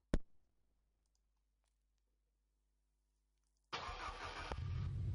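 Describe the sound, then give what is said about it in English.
A sharp click, a few seconds of near silence, then a Ninja motorbike engine suddenly fires up in Lagos and keeps running with a loud, rough roar until the end. “someone else was riding motorbikes all over Lagos. That's the area father himself, Charlie Boy, in this, his ninja bike.”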